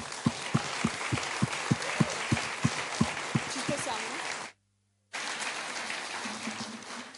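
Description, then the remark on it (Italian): A large audience applauds Piercamillo Falasca loudly in a dense, steady wash of clapping with a regular low thumping beat underneath. The sound cuts out for a moment, then the applause carries on. “Allora, chiedo a tutti voi di fare un grande applauso a Piercamillo Falasca.”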